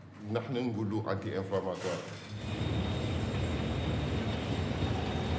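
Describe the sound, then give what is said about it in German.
A voice talks briefly, then a loud, steady, gritty roar takes over as iron ore is unloaded from a train in Mauritania, ore mined by the state-owned mining company SNIM, a continuous rushing rumble that stays unbroken to the end. “Zur gleichen Zeit wird das Eisenerz aus dem Zug entladen.”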